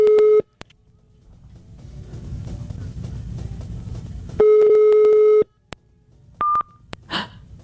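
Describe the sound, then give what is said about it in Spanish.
A telephone busy signal from a rejected call: a loud, steady electronic tone sounds briefly, then returns after a stretch of low background rumble, followed by a short higher-pitched beep and a faint rustle. “Me está rechazando la llamada, me está rechazando.”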